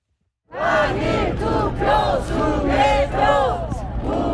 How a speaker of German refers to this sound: Ob im strömenden Regen oder wie heute in der prallen Sonne, Tag für Tag blockieren Protestierende alle Eingänge des Handballstadions im Olympiapark in Seoul. Wiederholung der Wahl und Wahlbetrug skandieren pensionierte, junge Familien und Teenager.